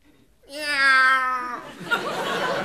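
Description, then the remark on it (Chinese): A performer lets out a long, strained, screeching cat-like meow before reciting a doggerel poem, held for about a second, followed by a burst of noisy crowd reaction. “哎， 我以为哪位踩了猫了呢。”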